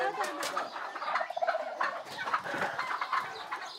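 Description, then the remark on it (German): A flock of turkeys and chickens kept by nuns calls continuously, overlapping clucks mixed with warbling gobbles, including a quick rattling gobble partway through. The chatter is steady and moderately loud throughout. “Die Eier, auch die Puten und Hühner, wandern nach einem erfüllten Federviehleben in den Topf der Schwestern.”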